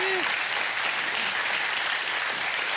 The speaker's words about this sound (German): Der Applaus geht zu Ihnen.